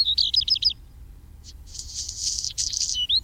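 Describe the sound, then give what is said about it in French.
A black redstart sings a short, high rattling warble, pauses, then gives a longer scratchy, crackling phrase ending in a brief whistle, over a low steady rumble with no voices. “Son cousin, le rouge-queue noir, est présent aussi, on l'entend régulièrement.”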